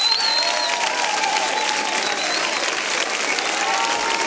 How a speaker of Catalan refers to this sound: Un fort aplaudiment, per favor